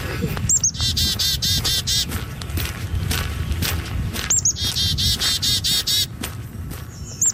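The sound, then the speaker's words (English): A songbird in Edmonton sings two bright, rapid trilling phrases, separated by a short pause, over a steady low outdoor rumble. Fainter chirps continue in between. “Bird Song, Edmonton's quiet soundtrack, was produced by Tanara McLean.”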